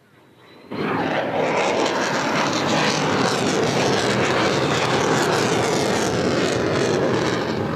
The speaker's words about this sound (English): And you see them coming in now. These are the F-35s, and just listening to the roar of these.